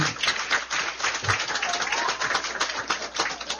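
A crowd applauds steadily, many hands clapping in a dense, even patter that holds at a fairly loud level throughout, with no voices on top.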